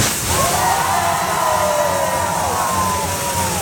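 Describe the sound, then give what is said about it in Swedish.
A large crowd cheers and roars steadily at the opening of a singer's new museum, Life of Many Colors, housed in a hotel in Nashville, USA; a dense wash of voices with a drawn-out whoop or whistle rising above it for a few seconds. “Ja, för så här lät det när countrystjärnan … nya museum öppnade i Nashville i USA.”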